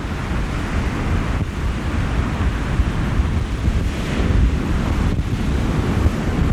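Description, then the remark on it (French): Heavy sea waves at the Prado crash and roar continuously while strong wind buffets the microphone, producing a dense, rumbling low-end blast throughout with no voices. “Alors, ouf, les grosses vagues du Prado qui font bouger mon micro.”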